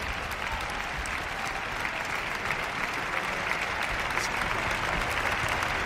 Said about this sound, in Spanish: Más y más aplausos para todos los miembros de la orquesta.